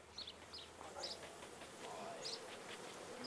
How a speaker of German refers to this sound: Ebenfalls eine Mutprobe, an einem Bienenstock mit 20.000 Bienen herantreten.